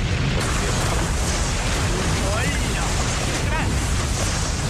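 A large explosion aboard the ship USS Maine in the port of Havana, February 1898, roars loudly: a dense, rumbling blast that stays thick and sustained for the whole stretch, with faint whistling tones rising through the noise.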